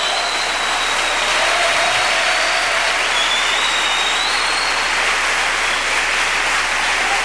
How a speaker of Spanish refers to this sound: Un aplauso fuerte al que vive por los siglos de los siglos.